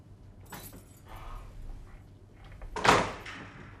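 A kitchen door is handled, with some soft rattling and scraping before it swings shut with a sharp, fairly loud knock. No one speaks.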